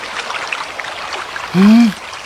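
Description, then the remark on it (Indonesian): Swift river water rushes steadily throughout, a dense hiss of flowing current. A brief low, droning tone rises over it near the end, then fades. “Wah, air sungai ini deras sekali.”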